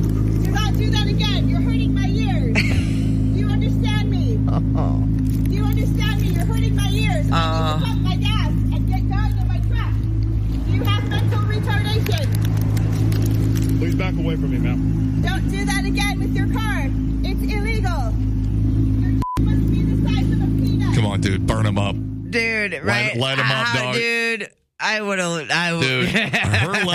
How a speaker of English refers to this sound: Was he revving? I could hear the, I like that sound of those the new chugging vets in the background. Oh, yeah. That. It says that he just started his Corvette.